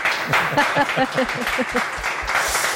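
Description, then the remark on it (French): An audience applauds steadily, a dense, even wash of many hands clapping at constant loudness, with a voice briefly audible underneath partway through. The applause welcomes the cartoonist Boulet (Gilles Roussel), guest of honour at the comics festival in Delémont, Switzerland. “À vos côtés et au mien aussi, le grand trissou de cette année, donc invité d'honneur, Gilles Roussel, mieux connu sous le nom de Boulet, qu'on applaudit.”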